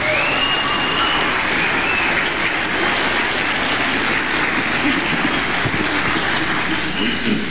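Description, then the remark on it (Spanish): Sustained applause from a church audience, given to Jesus Christ, fills the whole stretch, a dense, steady clatter of many hands clapping at an even, loud level with a few faint voices mixed in. “Denle un aplauso a Jesucristo por su bondad, por su misericordia.”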